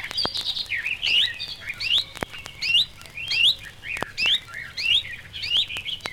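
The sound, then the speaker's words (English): A reed warbler sings a rapid, continuous run of bright chirping phrases, including a perfect imitation of a chiff-chaff's call, repeating every second or so, clear, with no voices. “Like the sedge warbler, it gives a perfect imitation of a chiff-chaff call.”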